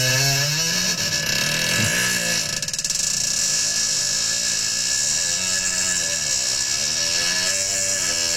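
A long, buzzing fart echoes inside a toilet bowl, loud and continuous for about eight seconds, its droning rasp wavering in pitch so it sounds almost like a small motor revving.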